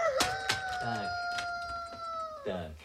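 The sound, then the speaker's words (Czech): A rooster lets out a loud, drawn-out squawk lasting about two seconds, preceded by a few short sharp calls, with some faint voice-like sounds around it. “Ale taťuldo, kohout nelítá.”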